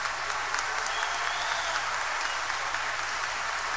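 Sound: audience applause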